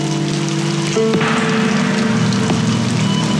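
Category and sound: nature, rain falling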